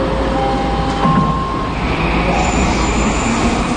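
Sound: metro train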